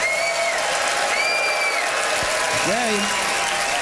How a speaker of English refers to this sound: All right, it is up to you to vote, Ottawa, by applause